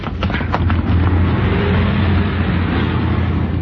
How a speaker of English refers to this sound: Hey, look out. Here comes a car. Run.